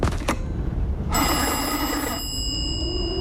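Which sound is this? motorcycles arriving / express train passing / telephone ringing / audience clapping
telephone ringing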